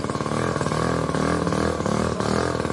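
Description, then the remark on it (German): A microcar's small engine idles at a traffic light with a steady, rattling putter, buzzy and loud like a moped or lawnmower. Its rough harmonics hold constant with slight wavering throughout. “Klingt wie ein Moped oder wie ein Rasenmäher. Sieht aber aus wie ein Auto.”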